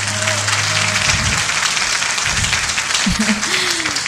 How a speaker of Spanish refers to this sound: Un gran aplauso para este grandioso marco musical que esta noche nos acompaña.